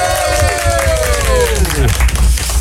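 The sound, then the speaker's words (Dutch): A studio audience on a Dutch TV show raising money for the Alpe d'Huez auction applauds a musical duo in a steady, dense wash of clapping, while a bright tone slides downward in pitch over it for about two seconds before fading into the clapping. “Dames en heren, mag ik een groot applaus voor”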